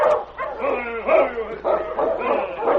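A big silver-gray dog, running loose ahead of a dog team, barks excitedly as it bounds forward to meet people: a quick run of loud, eager barks and yips with a few whining notes mixed in, repeating steadily for a few seconds.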